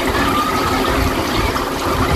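Water runs steadily from a beach foot shower tap at a beach in Águilas, Murcia, as someone rinses their feet, a continuous splashing rush with no breaks, filling the whole moment with broad hissing noise.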